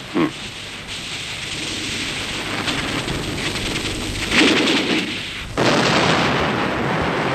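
A hydroelectric station explosion: a steady roaring rumble that swells into a heavy boom partway through, then surges louder again and keeps roaring, with no voices.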